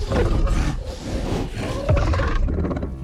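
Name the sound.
alien creature roaring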